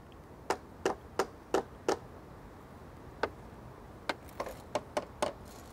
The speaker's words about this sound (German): Mit dem Hammer kann man hören, ob was lose ist. Wenn man jetzt zum Beispiel den kleinen Bolzen hier schlägt, dann würde man das hören am Geräusch. Genauso ist es auch der große hier. Da würden dann die Scheinen klingeln oder es wäre etwas heller.